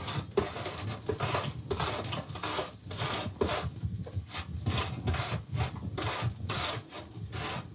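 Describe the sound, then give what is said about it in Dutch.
Steady, rhythmic scraping as an apple is rubbed back and forth over a grater in a kitchen while cooking, with quick repeated strokes and no talking. “En nu de appel. Ook raspen, hè.”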